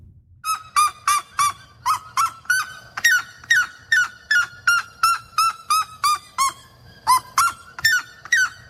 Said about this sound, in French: Et il y en a un autre aussi, le Seriama à pattes rouges ou le Cariama cristata.